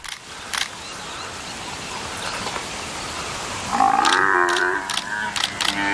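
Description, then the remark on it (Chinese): An African buffalo calf, caught by lions trying to suffocate it, lets out a loud, drawn-out distressed bellow partway through, wavering over the last two seconds amid rough background noise and sharp scuffling bursts. “狮子试图让非洲水牛幼崽窒息而死。”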